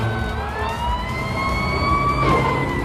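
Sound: fire truck siren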